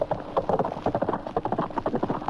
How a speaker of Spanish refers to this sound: El noble animal subió a todo galope.